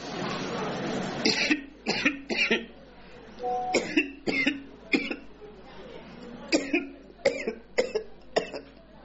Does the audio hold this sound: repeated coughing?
yes